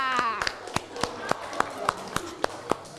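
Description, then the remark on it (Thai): Students clap their hands together for themselves at the teacher's request during a class activity, in a steady, even rhythm, about ten sharp claps over three seconds, with faint voices murmuring underneath. “ครูขอขอบคุณนักเรียนทุกคนนะคะขอเสียงปรบมือให้ตัวเองหน่อยค่ะ”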